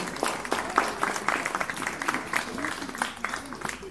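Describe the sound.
An audience applauds children from Aix-en-Provence with steady, dense clapping that holds at a fairly even loudness for about four seconds, with cheering voices mixed in.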